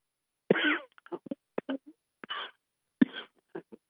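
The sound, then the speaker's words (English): A fit of harsh coughing: several sharp bursts in an irregular run over a few seconds, some with a raspy throat-clearing quality, and no talking. “You got the coughs there”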